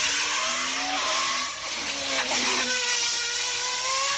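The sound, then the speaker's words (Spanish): A loud engine revs through its exhaust pipe, its pitch climbing, dipping briefly as it shifts into third gear, then rising again in a continuous raspy drone with no voices. “Acá estamos con el caño escape.”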